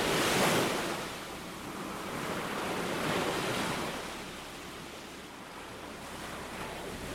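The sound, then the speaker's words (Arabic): Heavy sea waves crash in a loud, hissing rush, swelling at the start and again midway, with churning surf and some wind between the surges and no voices. “صرخت، ومع صرختها ضربتنا موجة بحر شديدة جدا.”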